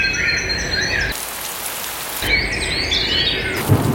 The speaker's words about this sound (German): Ja, maximal 19 Grad heute, zum Abend hin in vielen Teilen wirklich Gewitter mit dabei, immer wieder Regen.